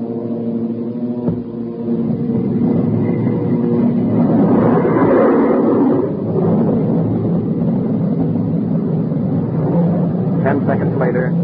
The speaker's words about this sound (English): Slowly we edged to 175 miles per hour, then 200, the lowest speed at which our jet engines would function. When the B-29 hit 225 miles per hour, Captain Mayo and the B-29 pilot had a short conversation. Then Captain Mayo switched on our jet engines.